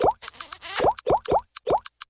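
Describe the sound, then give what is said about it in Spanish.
A quick string of bright, bubbly notification pops of text messages with emojis arriving on a cell phone, each with a short upward chirp, following a brief rush of noise at the start. No one speaks. “Para unos, el amor puede tener el sonido de mensajitos con emojis al celular.”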